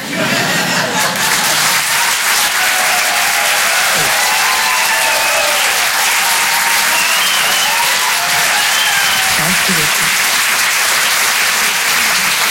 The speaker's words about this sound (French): Bravo, on peut l'applaudir très très fort, s'il vous plaît